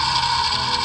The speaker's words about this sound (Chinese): 比起来说前一个比较慢，然后这个比较快，所以说快的这个大概率是个渔船。